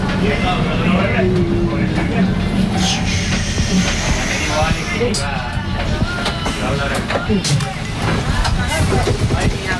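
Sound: tram running on rails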